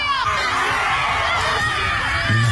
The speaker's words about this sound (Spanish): Yo creo que podemos ver un poco, mira, aquí los rituales. Mira, rompen palos, gritan.